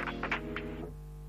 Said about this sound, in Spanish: Suena el teléfono.